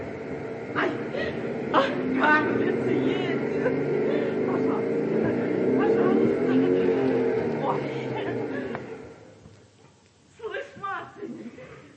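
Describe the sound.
A brand-new motorcycle arrives at a collective farm, its engine revving loudly and steadily for several seconds, then cutting off, leaving a short burst of voices at the end.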